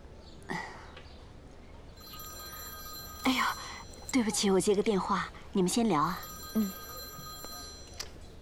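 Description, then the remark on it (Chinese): A telephone rings with a steady electronic tone that keeps sounding for several seconds, moderately loud, while a voice speaks briefly over it. “对不起，我接个电话，你们先聊啊。”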